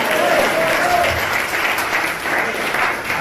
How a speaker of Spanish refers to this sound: Aplaudir, oígame, no sea como las focas que aplauden de todo. No. Abra los ojos y se va a aplaudir. Amén.